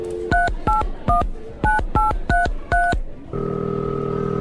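Seven short dual-pitched keypad beeps tapped out at an uneven rhythm, followed by a steady electronic ringback tone as the phone call connects. Clear and close, no voices.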